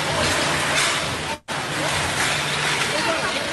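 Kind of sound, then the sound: impact, building collapsing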